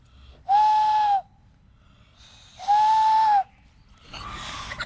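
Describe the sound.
Two breathy, sustained whistled hoots, each under a second and spaced about two seconds apart, a person in a cemetery mimicking an owl call, followed by a burst of airy hiss at the end.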